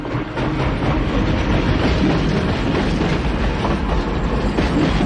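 A train rumbles steadily along the rails, a dense, continuous roar with faint rhythmic clatter of wheels, loud throughout with no voices.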